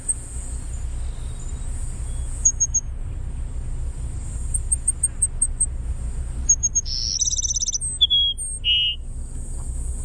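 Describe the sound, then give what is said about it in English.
A Cassin's Sparrow sings a high, thin burry whistled song: sweet trilled notes followed by a couple of clear descending whistles, over a low steady rumble with no one talking. “The Cassin Sparrow. Let's listen. What? It's just a bizarre burry whistle.”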